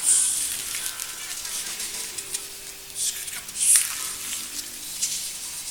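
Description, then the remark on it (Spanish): A crowd of voices imitates a big leaf rustling, making breathy, hissing shushes that swell in uneven bursts, with a few louder surges near the middle and end. “Una hoja grande.”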